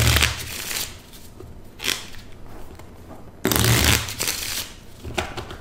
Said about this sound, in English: I guess I should take advantage of this opportunity to say hello to my parents and to thank my dad for teaching me how to shuffle a deck of cards.